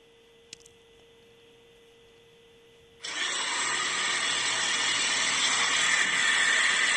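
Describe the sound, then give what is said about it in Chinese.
After a faint click and a low steady hum, the engine of a Volvo XC90 abruptly starts from cold and holds a loud, harsh idle with a high-pitched whine, continuing steadily with no voices. “那个16秒那个啸叫声，那16秒啸叫声是冷车的，是不是啊？”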